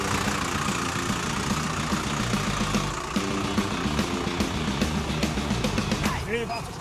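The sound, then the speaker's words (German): A car engine idles steadily while parking, a low rumbling drone, while voices talk intermittently over it and a few faint clicks and knocks come through. “Klappt das noch mit dem Einparken? Wir werden sehen, oder?”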